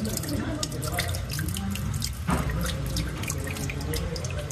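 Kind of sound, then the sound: household object, water running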